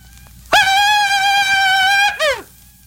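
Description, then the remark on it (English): A voice imitates a Comanche war whoop: one loud, high, sustained cry with a slight warble, held for about a second and a half, then cut off by a short falling yelp. “A Comanche war whoop.”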